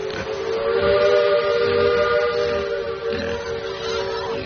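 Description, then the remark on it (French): A steamboat whistle, on a steamer sailing from Palma to Barcelona with about a hundred pigs aboard, blows one long, loud, continuous tone with a rich harmonic buzz, held steady throughout over a low rumbling background. “De Palma à Barcelone, la famille Sancho-Pin voyage sur un bateau à vapeur à bord duquel se trouve une centaine de cochons.”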